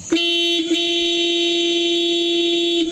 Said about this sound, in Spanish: Sí, es un pito fuerte, un pito largo